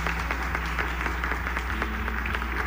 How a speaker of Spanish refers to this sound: Pues muchas gracias a Radio IPN por invitarme. Pues un aplauso para Radio IPN, por favor.